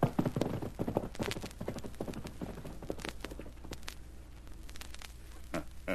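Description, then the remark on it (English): Horse hooves clip-clop in a quick, uneven rhythm as a horse is ridden in The Lone Ranger drama, loud at first and then continuing more softly, with a low steady rumble underneath. “I'm riding your horse and taking your place.”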